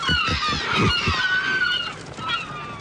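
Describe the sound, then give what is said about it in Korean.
A flock of waterbirds gathered to one side honks loudly and continuously, overlapping calls with harsh nasal tones, steady throughout with no talking, as someone throws them food beside people fishing. “한쪽에 멀쳐있는 물새들에게 먹이를 던져주며 어린애 마냥 즐거워한다.”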